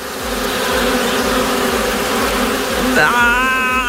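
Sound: wasp buzzing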